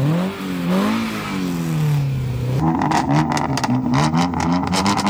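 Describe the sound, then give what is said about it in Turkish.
A car engine revs hard through a loud modified exhaust during a traffic police inspection, rising and falling in pitch, then breaking into sharp, rapid popping bursts. “Araçta egzoz sistemi mevcut. Gaz verelim.”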